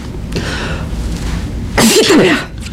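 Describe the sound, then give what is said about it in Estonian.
A single harsh, raspy cough bursts out after a brief pause, loud, with a strained voiced edge, over a quiet background. A person with a persistent cough that will not go away coughs on request. “ja olge kena , köhige .”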